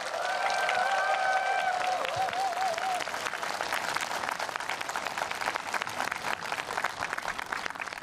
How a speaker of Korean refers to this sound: 정성을 담은 공연으로 따뜻한 감동을 전해준 모든 팀에 아낌없는 박수 부탁드립니다.